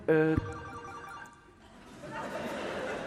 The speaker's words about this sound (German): hat jetzt irgendein Assi sein Handy an?